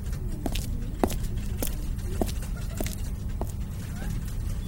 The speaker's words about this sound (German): Schnellen Schrittes ging ich in mein Büro, direkt im freien Untersuchungstisch 3, wo ich sogleich alle gesammelten Objekte ausbreitete.